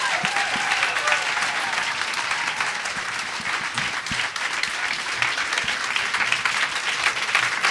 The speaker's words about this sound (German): Dein Applaus.